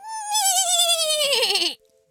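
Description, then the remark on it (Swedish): A person imitates a horse's neigh as a requested trial neigh: one loud, quavering whinny lasting under two seconds, sliding downward in pitch before cutting off abruptly, with no other sounds around it. “Är du bra på att gnägga”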